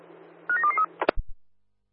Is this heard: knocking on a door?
no